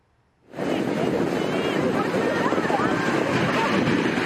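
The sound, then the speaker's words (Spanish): After a brief moment of silence, a loud, steady roar of rough ocean surf, with waves up to 10 feet high at Santa Cruz State Beach in California, sets in and continues without a break, with faint indistinct voices mixed into the noise. “Olas de hasta 10 pies de altura, un joven salvavidas de 16 años protagonizó un heroico rescate en la playa estatal de Santa Cruz, en California.”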